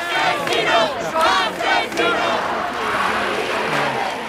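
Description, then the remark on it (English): A large crowd at a mass protest in Madrid over the eviction of an 87-year-old woman from her flat and the cost of housing, shouting and chanting in unison, loud rhythmic bursts of many voices rising and falling over a constant roar of background noise. “The trigger for this was a mass protest, which took on sort of a national complexion, related to the eviction of an 87-year-old woman called Mari Carmen from her flat in central Madrid, where she'd lived for the past 70 years.”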